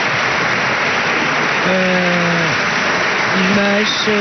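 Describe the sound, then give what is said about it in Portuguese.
A dense, steady wash of standing applause from a parliamentary party bench for deputy José Luís Carneiro runs unbroken throughout, with a couple of drawn-out, tonal voice calls rising above it partway through and near the end. “Ainda assim, a receber os aplausos da sua bancada de pé.”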